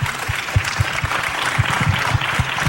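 Steady applause from an audience, a dense wash of many hands clapping at an even loudness for a few seconds, with no one speaking over it.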